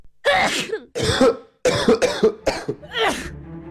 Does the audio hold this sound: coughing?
yes